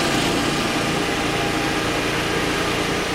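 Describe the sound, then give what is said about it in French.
A huge fan and generator, brought by firefighters to clear smoke from a restaurant after a fire, run together in a steady, loud mechanical drone, with a rumbling low engine hum beneath a broad whooshing roar of moving air, unbroken and without speech. “En route un énorme ventilateur avec une génératrice pour évacuer les fumées.”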